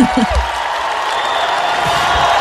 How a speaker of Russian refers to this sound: Слышно по громкости аплодисментов, как это понравилось аудитории.